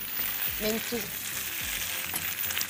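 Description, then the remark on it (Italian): Steady crackling sizzle of food cooking in hot oil, with scattered sharp pops as the ingredients puff up and burst to become the crispy part of a dish, moderately loud, no voices. “Sì, si gonfia, esplode ed sarà la parte croccante e anche molto saporita del nostro piatto.”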